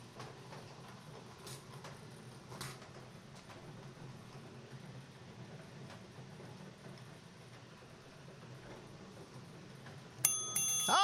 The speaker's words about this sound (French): Ah oui, cette fameuse cloche.